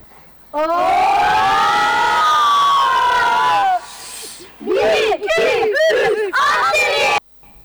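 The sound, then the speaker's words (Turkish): A group of children at training on a sports field shout a greeting together in loud unison, a long sustained chant followed by a few short rhythmic bursts of collective shouting, with some echo. “İdman'da genç kardeşlerimiz bizi izliyor sahada. Bize selam gönderecekler.”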